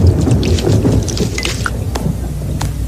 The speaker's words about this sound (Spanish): Cuando estas pequeñas gotas son muy gruesas y pesadas para la nube, caen como gotas de lluvia. Como esas.